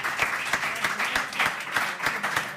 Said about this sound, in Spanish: Un aplauso